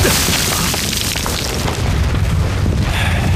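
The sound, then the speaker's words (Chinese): Continuous heavy bombardment of Japanese artillery shells exploding on a small area, with deep rumbling booms overlapping one another in a loud, unbroken barrage and no pauses between blasts. “炮击了这么久了，鬼子的家当就是大呀，这么多钢铁砸在这个小地方，他也不心疼。”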